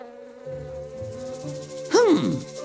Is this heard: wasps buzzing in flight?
yes